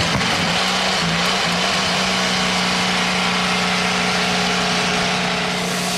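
Several IndyCar race car engines fire up at once for the start of the Sanzio Grand Prix at the Indianapolis Motor Speedway and settle into a loud, steady idle, a dense mechanical drone with a low humming tone that holds evenly throughout, no voices present.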